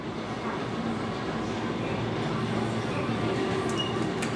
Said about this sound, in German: Die Kurobe-Schlucht. Hier herrscht Trubel. Die Bahnfahrt durch die Schlucht ist einer der Publikumsmagnete in Japan.